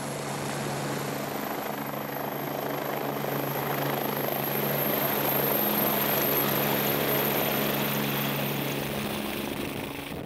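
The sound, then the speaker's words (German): A helicopter carrying avalanche rescue dogs flies, its rotor beating in a steady, loud thrum with a whining turbine tone above, holding constant for the whole stretch with no voices. “Die Lawinenhunde müssen sich an Heliflüge gewöhnen, denn bei Rettungen ist der Hubschrauber oft das einzige Fortbewegungsmittel, um in schwer erreichbare Einsatzgebiete zu gelangen.”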